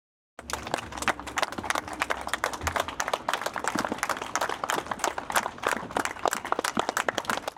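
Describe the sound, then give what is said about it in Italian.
Fellow villagers of Francesco Guccini in Pavana applaud steadily and at length as his coffin leaves the outer courtyard of the house at his secular funeral, many hands producing a dense, crackling patter of sharp claps. The clapping stays fairly even in loudness throughout, with no voices standing out. “Lunghi applausi dei compaesani di Francesco Guccini hanno accompagnato l'uscita del feretro dalla corte esterna della casa.”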